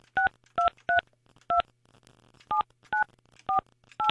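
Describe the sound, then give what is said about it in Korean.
Eight short, crisp telephone keypad tones beep one after another in a quick, slightly uneven rhythm as a phone call is dialed, each a clean two-note electronic chirp, with a faint low hum underneath and no talking. “제가 지금 전화하는데.”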